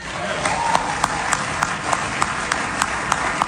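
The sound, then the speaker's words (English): A large crowd at a Republican lieutenant governor candidate's speech applauds steadily, a dense wash of clapping with a regular pulse of sharper, louder claps roughly three times a second, sustained throughout with no voices standing out. “That got some thunderous applause there.”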